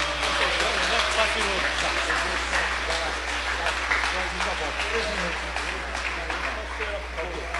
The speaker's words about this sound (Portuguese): mas vamos recebê-lo, muito melhor, vamos recebê-lo como? Com aplauso para Jesus.